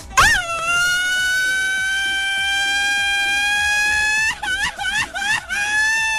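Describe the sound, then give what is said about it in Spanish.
A festive Mexican grito: one loud, high-pitched yell that swoops up and holds a steady piercing note for about four seconds, then breaks into a quick series of warbling, yipping bursts at the end. “y te avientas un gritito como este al final.”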